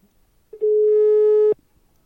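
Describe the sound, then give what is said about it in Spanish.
A single steady electronic telephone tone, loud, holding for about a second before cutting off abruptly, with brief clicks at either end and no voices, as a phone call is placed again during a live broadcast. “Bueno, nada, vamos a volver a llamar a Borja, que se ha pirado las cosas del directo y los teléfonos.”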